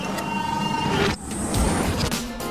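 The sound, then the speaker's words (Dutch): Sci-fi time machine doors slide open with a steady mechanical whirring hum, a brief break, then a hissing rush and a thin high tone, loud with no voices. “Deuren gaan open.”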